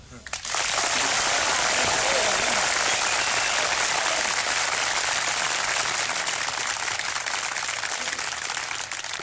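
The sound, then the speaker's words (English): A crowd bursts into sustained applause, a dense, steady wash of many hands clapping that starts abruptly and stays loud throughout, with no voices standing out. “Another one for the clapping.”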